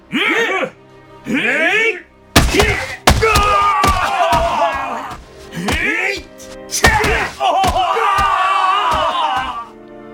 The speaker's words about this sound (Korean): 형졸들은 납작하고 기다란 막대기로 선원들의 엉덩이를 내리치기 시작했다. 선원들이 비명을 내질렀다.